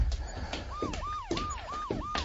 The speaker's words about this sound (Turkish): Polis arabalarının sesi bu.